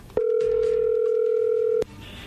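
A telephone call is dialed and goes through: a single steady ring tone, one long unbroken beep at a fixed mid pitch lasting over a second and a half, then cutting off abruptly, with faint background noise and no talking.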